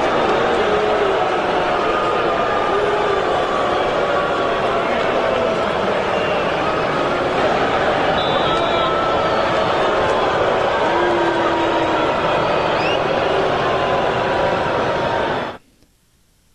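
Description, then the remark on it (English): A huge stadium crowd at Hard Rock Stadium roars in a dense, sustained wall of voices with drawn-out booing of Tua Tagovailoa on his return after six seasons with the Dolphins, loud and unbroken for about fifteen seconds before cutting off abruptly. “fans showed up to this game, showed up to Hard Rock Stadium, was to boo Tua Tagovailoa.”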